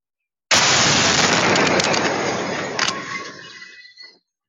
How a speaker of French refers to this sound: La scène de l'explosion filmé dans son intégralité.